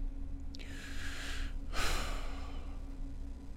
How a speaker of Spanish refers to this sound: Yo la respiración seguramente la voy a marcar fuerte, después la borramos. Porque no la voy a poder hacer suavecita. Porque tengo que respirar por la boca.